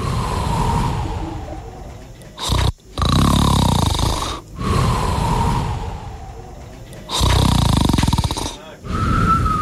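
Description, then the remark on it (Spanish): Loud snoring in repeated long cycles, each rasping breath swelling and fading with heavy airy inhales and exhales, about five breaths in a row with no talking. “Mira, es como que ronca fuerte y que hace respiración.”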